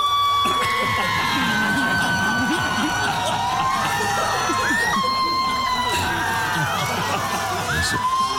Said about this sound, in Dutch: Maar 80% is een hoop lawaai, geschreeuw. Het is echt verschrikkelijk. Zeg maar, als jij nu zou zeggen, wij gaan het doen en we sturen een inzending, dan is dit ongeveer de reactie die je krijgt.